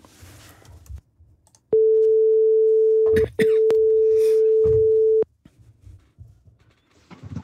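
A phone ringing tone sounds twice, each a steady electronic tone lasting about one and a half seconds, loud and clear, with a brief gap between the two rings.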